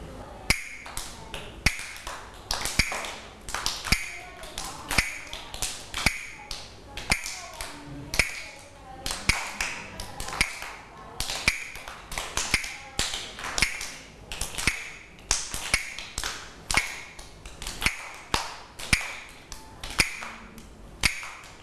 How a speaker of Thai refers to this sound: เครื่องให้จังหวะที่ครูหญิงจะใช้ในวันนี้นะคะก็คือกลับมือค่ะเดี๋ยวเรามาทบทวนจังหวะกันก่อนนะคะเด็กๆให้เด็กๆปรบมือตามจังหวะที่คุณครูขอนะคะ